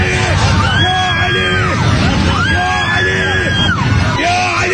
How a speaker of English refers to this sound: Right, the screaming helps.